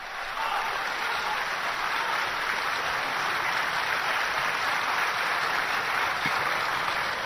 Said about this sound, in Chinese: 这一晚上，您鼓掌都够累的， 可不是吗？ 说实在的， 这也是力气活， 是不是啊？